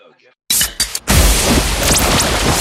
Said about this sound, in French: Une petite canette de décapsulé. Oui, j'entends. C'est le bruit, ça fait du bien, ça rafraîchit.